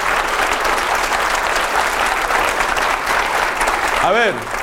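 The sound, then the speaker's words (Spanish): An audience applauds loudly and steadily for Christ, a dense wash of clapping that holds at full strength throughout, with a brief voice rising over it near the end. “Dele el aplauso a Cristo.”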